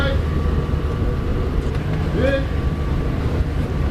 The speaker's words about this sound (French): Le premier bateau qui arrive.